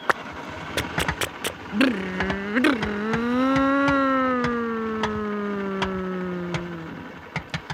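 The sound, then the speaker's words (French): A car engine turns over and catches, settling into a steady, droning hum that holds for several seconds before easing off, with sharp mechanical clicks scattered around it. “La voiture démarre.”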